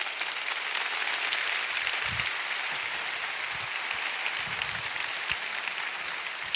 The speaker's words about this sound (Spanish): Dale al Señor ese aplauso, por favor.